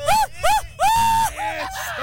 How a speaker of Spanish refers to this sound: ¡Dale! Oye, a ver, échate tu mejor grito de mariachi.